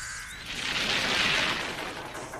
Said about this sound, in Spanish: Bien, Mok, ya estamos listos para que descargues la grava. Muy bien. ¿Dónde la quieres? Por aquí, Mok, por favor.